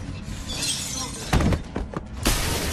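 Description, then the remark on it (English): Window glass shatters with a sharp crash as a man bursts through a window, followed by scattered tinkling shards and a second burst of breaking, bright crackling noise over low thumps. “Another male perger bursts through a window and knocks James down.”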